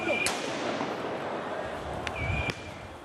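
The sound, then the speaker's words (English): Three sharp, booming pops from tear gas canisters fired by police in Paris to disperse high school and university student protesters, spaced unevenly over a few seconds, ringing out above a constant roar of crowd noise and voices. “Police in Paris have used tear gas and water cannon to disperse high school and university student protesters.”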